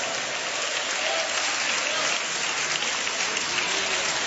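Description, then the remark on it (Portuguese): Sustained applause from a crowd applauding Jesus and giving glory to God, a dense, steady patter of many hands clapping at an even, fairly loud level throughout, with no voices standing out. “aplaude a Jesus e dá glória a Deus.”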